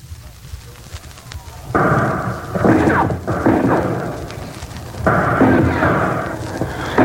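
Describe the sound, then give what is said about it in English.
Hand grenades, dropped by Alcatraz guards and Pacific veterans of the United States Marine Corps through holes in the roof of the cell house over cell block D, explode in two heavy, sudden booms, each trailing into a loud roaring, crackling wash, with smaller bursts between them over a steady low rumble. “Through the roof, Alcatraz guards and Pacific veterans of the United States Marine Corps drop hand grenades.”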